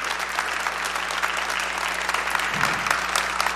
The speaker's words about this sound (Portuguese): Vamos ficando de pé. Aplaude o Senhor, pode ser bonito. Pode ser para Ele, isso.